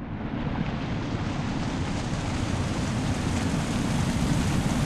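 A loud, continuous roar of an ocean wave building into a sheer cliff face of water that tumbles forward trailing sheets of spray, a dense hiss of churning water that swells slightly brighter toward the end, with no voices.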